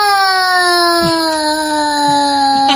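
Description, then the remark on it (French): A toddler of about one and a half years wails in one long, unbroken cry, loud, its pitch sagging slightly toward the end. No one speaks over it. “Il doit avoir à peu près dans les un an et demi.”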